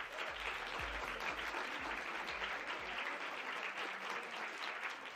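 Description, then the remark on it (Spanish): Steady applause from an audience welcoming a guest, a dense wash of many hands clapping at once, sustained without a break for several seconds, with no voices rising above it. “Les pido un fuerte aplauso para él.”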